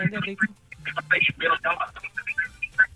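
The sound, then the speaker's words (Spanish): A radio plays in the background of a listener's phone call to a radio station, Tropicana, its broadcast voices and sound overlapping with talking over the line at a steady, moderate level. “Amor, bájale por favor al radio.”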